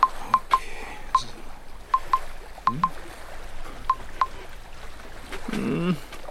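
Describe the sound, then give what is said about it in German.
About ten short electronic keypad beeps as a phone number is punched in on a phone to call a client from a houseboat in the middle of the night, in quick irregular bursts, with a faint low voice murmuring briefly underneath and near the end. “Warte mal, ich rufe den einfach an.”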